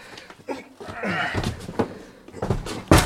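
A door bangs and thumps several times amid scuffling and shuffling as a crate is carried into a hallway, ending in one loud slam, with muffled voices and grunts around it.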